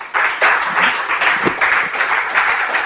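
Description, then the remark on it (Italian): Steady applause from an audience welcoming economist and former Partito Democratico senator Paolo Guerrieri, a dense wash of many hands clapping at an even, sustained level throughout, with no voices standing out. “Professor Paolo Guerrieri, economista, esperto di Europa, senatore, già senatore del Partito Democratico, un applauso insieme a Bach.”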